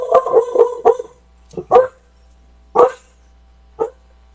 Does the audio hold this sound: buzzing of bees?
no